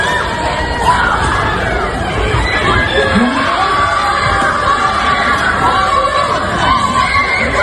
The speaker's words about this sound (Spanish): el vídeo de una pelea multitudinaria en el pleno centro de Las Palmas de Gran Canaria que se ha hecho viral